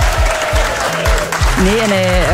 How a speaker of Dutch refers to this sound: Oh, goed gedaan. Even een applaus. Ja.